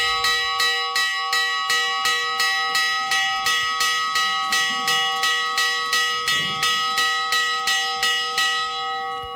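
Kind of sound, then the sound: signal or alarm, church bell ringing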